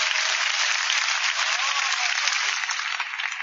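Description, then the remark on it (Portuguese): An audience claps for Jesus steadily, a dense, continuous wash of many hands applauding at an even loudness throughout, with no talking over it. “Podem bater as palmas para Jesus, meus irmãos.”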